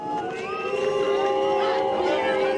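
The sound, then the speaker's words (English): A large crowd of far-right AfD supporters boos and jeers Chancellor Friedrich Merz during campaigning in Germany's eastern Saxony-Anhalt state. Many overlapping voices form a loud, sustained wall of disapproving noise with no single speaker standing out. “During campaigning in Germany's eastern Saxony-Anhalt state last week, Chancellor Friedrich Merz was booed by far-right AfD supporters.”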